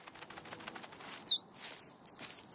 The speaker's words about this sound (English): But it looks like the birdie's making a nest on top of your head.